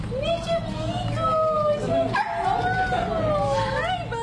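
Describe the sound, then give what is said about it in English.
An excited Cocker Spaniel, Mr. Pickles, whines and yips continuously as he comes through the doors of Veg ER, a veterinary hospital in Chapel Hill. His high-pitched cries rise and fall in long sliding tones over a steady murmur of background noise. “On Thursday, July 16th, a very excited Cocker Spaniel made his way through the doors of Veg ER, a veterinary hospital in Chapel Hill.”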